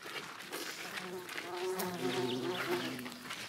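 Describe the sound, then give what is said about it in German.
Bees and bumblebees buzz steadily among flowering perennials in a garden, a low droning hum that wavers in pitch as they move around, with faint outdoor background noise. “Ihr seht, überall sind Hummeln und Bienen unterwegs.”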